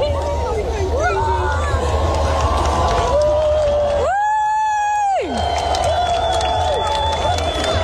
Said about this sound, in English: So this is a video when the sun just kind of first comes up beyond the horizon. They're loving it. I got here. So that's people enjoying it. This is them clapping when the sun comes up.